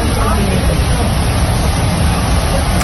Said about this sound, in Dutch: Dit is nog veel erger. Ja, het is echt... Het waait keihard en het echt alsof het uit de regen komt